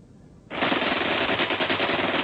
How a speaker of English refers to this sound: Rifle and machine gun fire rained on them from above and to their front. The surprise was complete.